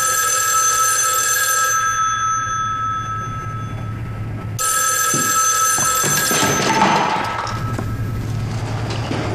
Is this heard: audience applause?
no